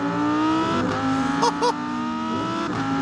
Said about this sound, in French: V10 atmosphérique, 610 chevaux, 565 Nm de couple. Mais le mot principal pour moi ici, c'est atmosphérique. Ça hurle. L'échappement est extrêmement court vu que le moteur est central arrière. Écoutez ça.